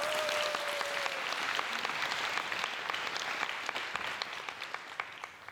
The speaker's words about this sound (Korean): 큰 박수로 청해 듣겠습니다.